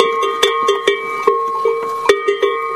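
A cowbell on a cow named Lucille, charging and clomping down a racetrack, clatters in quick, uneven strikes, about eight metallic clanks whose bright, hollow ring overlaps and sustains between hits, with no voices present.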